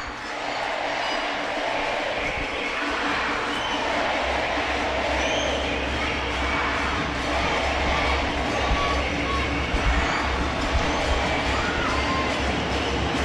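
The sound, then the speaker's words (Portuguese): A big stadium crowd shouts and roars together in a dense, unbroken wall of voices, holding loud and steady for the whole stretch with no break or lull. “E olha o grito, Delano.”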